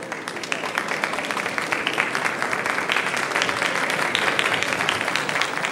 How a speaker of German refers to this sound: Der Beifall der Gäste grüßt nun Erich Honecker, Willi Stoph und Horst Sindermann, die mit ihren Gattinnen jetzt den Saal betreten und die Repräsentanten befreundeter Staaten, die an der sechseckigen Tafel unseres Staatsratsvorsitzenden Platz nehmen.